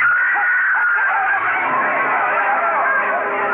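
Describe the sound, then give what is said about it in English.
A woman screams loudly and without letup amid a dense clamor of excited crowd voices at a street wedding celebration as the groom collapses, shot. The shrill, wavering cries are layered over the babble for several seconds. “Yu Lang and the groom stiffened and crumpled at the screaming Nanhua's feet.”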